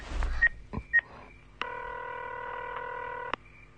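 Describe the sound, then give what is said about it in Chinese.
Mobile phone dialing tones: a few quick beeps from keypresses, then a long steady tone from about 1.6 to 3.3 seconds, clear with no talking, as a call is placed from a mobile phone and connects. “哎，用我手机试试。”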